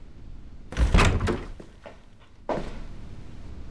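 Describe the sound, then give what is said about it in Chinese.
A door is pushed open abruptly without knocking, with a heavy thunk and a rattling swing, followed by a few faint clicks and a second, softer knock-like bump as it settles; no voices. “进门要敲门，这点礼貌都不懂吗？”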